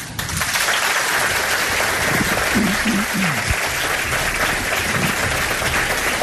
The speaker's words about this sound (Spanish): A mí me gustaría escuchar cómo suena Belmez en un aplauso.